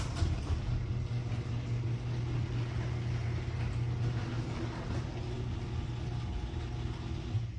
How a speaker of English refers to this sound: Play the second, the after, the new nylon roller audio clip of my garage door. This is like my garage door.